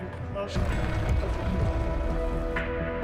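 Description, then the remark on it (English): Steady rain patters on hard surfaces in a continuous wash of droplets, with some indistinct voices mixed in beneath the downpour. “But it's currently raining, so.”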